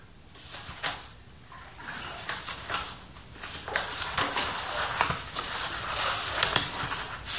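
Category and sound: ambience, water lapping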